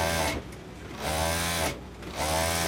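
A sewing machine runs in bursts, its motor whirring steadily in close, loud runs broken by two brief pauses. No one speaks.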